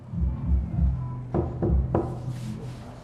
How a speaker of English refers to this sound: When he goes to knock again, the door unlocks from the inside